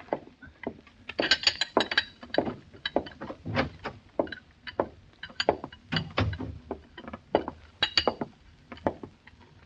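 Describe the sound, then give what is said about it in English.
Dishes and cups rattle and clink on a tea tray as it is carried, a steady run of small, bright ceramic knocks and chinks with uneven rhythm and no voices. “You carry your tray into her now.”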